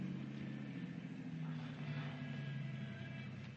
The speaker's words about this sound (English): Might be this car coming.